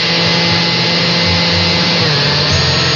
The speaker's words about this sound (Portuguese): Agora, coloque a gelatina no liquidificador junto com a água fervente.